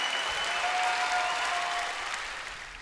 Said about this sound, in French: ESS Entreprises, deuxième partie, sous les applaudissements.